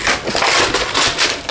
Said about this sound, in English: Could be paper, could be a bag. That's a fantastic sound. Also just be some old paper that you want to rip up.